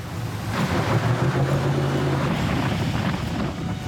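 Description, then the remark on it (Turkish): A speedboat motor, running again after its warning light went out, drones steadily on a river, Indian Creek, its engine hum blending with rushing water and wind buffeting the microphone. No voices, just continuous loud engine and water noise. “Nehir yaratıcılığı bir kez daha bakın sürat teknesini işe döndürüyor.”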